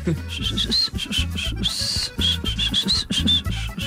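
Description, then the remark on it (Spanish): Someone whistles a bouncy song melody in a run of short, wavering notes and a few longer held ones, fairly loud, over a steady low thumping rhythm. “Se me antoja que te pidas las rolas, pero chiflando.”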